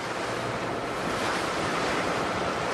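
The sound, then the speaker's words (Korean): Steady roar of winter sea waves and wind on open water as a fishing boat heads out to its nets, a dense continuous wash of noise that stays loud throughout, with no voices. “겨울에는 이제 파도가 바람 불면 파도가 세고 하니까 가까이에서 하는 거예요.”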